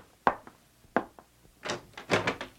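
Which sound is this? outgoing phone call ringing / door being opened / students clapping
door being opened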